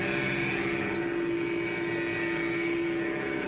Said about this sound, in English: Put it on a trike like this, or like this. You get your own special key. Start it like Dad's key starts his car. The remote control is up here where it belongs. Sounds like a real engine.